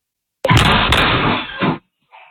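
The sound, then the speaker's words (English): A door is kicked in by teenagers as part of a social media trend, at a home in Pennsylvania on a Sunday: one sudden, heavy bang and a loud rattling crash that rings for about a second, then cuts off, followed by a faint brief noise. “A woman said she has no way to lock her door now after teenagers kicked it as part of a social media trend.”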